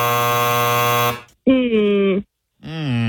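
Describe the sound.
A loud, harsh game-show buzzer blares steadily for about a second and cuts off abruptly, followed by two short voiced sounds.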